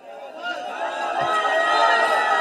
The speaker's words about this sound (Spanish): Los simpatizantes parecen no estar de acuerdo con esa respuesta de Dios. Bukele se queda en silencio por unos 15 segundos mientras la gente grita.